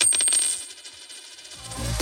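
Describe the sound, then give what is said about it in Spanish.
A euro coin drops and rattles, a quick series of bright metallic clinks and rings that settle into a spinning, wobbling whirr before coming to rest. No voices. “¿Lo oyes? Es un euro que cunde.”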